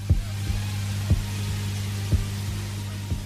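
A steady heartbeat thumps in low, muffled double beats about once per second, over a constant low hum, with no voices.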